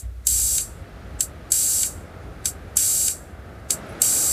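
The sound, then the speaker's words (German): Bright, filtered synthesizer noise hisses in a repeating rhythm, alternating long sustained bursts with short stabs, fairly loud over a low background rumble, with no voices; small sound devices being played as a warm-up. “Ah, da hören wir den Filter rauschen.”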